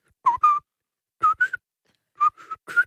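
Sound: person whistling a tune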